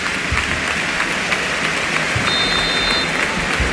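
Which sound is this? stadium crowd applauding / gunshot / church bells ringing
stadium crowd applauding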